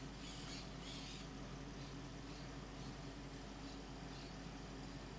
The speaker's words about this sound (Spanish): Los loros, full. Full, full, full.